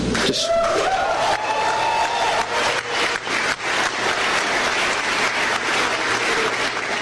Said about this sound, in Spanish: Cargos contra Raúl Castro y otros más por conspirar en el asesinato de estadounidenses, y comenzaron los aplausos como usted escuchó en este anuncio.